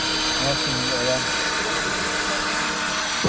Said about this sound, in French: Parce que depuis tout à l'heure, vous dites perceuse et visseuse. En fait, c'est le même outil, perceuse et visseuse. Ça, on peut changer l'embout.